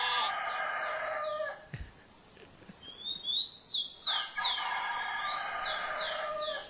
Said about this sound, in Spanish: No, pero ya está el gallo, ya está cantando, bueno.